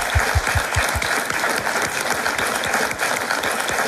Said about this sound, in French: Alors, comme nous avons la chance d'être en public ici au château de Lavoury de Antine, je propose qu'on applaudisse encore une fois tout le monde. Merci d'être là, les amis.